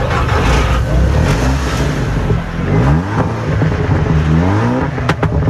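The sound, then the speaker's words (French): Loud racing car engines roar and rev continuously at the 66th Mont-d'Or hill climb race, on the slopes of the Croix Saint-Robert, with rising and falling harmonic sweeps as cars accelerate past up a slope; sharp cracks punctuate the end. No speech. “dans les vallées du Mont-d'Or résonne le rugissement des moteurs. C'est le retour de la célèbre course de côte du Mont-d'Or”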